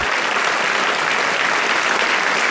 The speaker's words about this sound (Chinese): 那么此刻就让我们响起最为热烈的掌声，有请河南省人民政府副省长李卓讲话，有请。